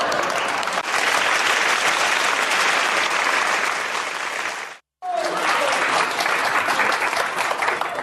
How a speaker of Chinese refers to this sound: 感谢您的掌声啊！ 谢谢大家， 多热情啊！